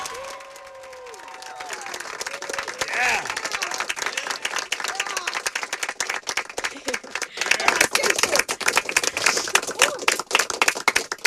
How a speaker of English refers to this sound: And I've got some friends in here. Let's clap it up. Let's go.